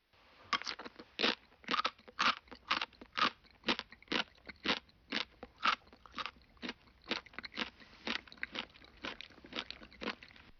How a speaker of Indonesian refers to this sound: Bunyi ketika mengunyah sesuatu yang keras.